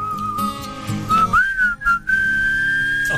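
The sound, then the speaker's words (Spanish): A person whistles a slow, steady melody into a microphone, with sliding pitch, clear, over soft acoustic guitar accompaniment, with a few brief pauses before a long sustained note. “Difícil silbar a un micrófono, ¿no?”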